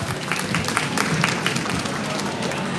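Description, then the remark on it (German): Loud, sustained audience applause sending a guest off the stage, a dense wash of many hands clapping at once with steady intensity throughout, with no voices standing out above it. “Dann schicken wir dich einfach mit einem lauten Applaus von der Bühne.”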